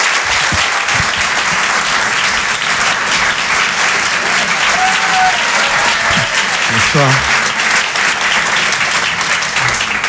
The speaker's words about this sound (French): Je vous demande de l'encourager, de l'applaudir très fort. Voici Anthony Joubert.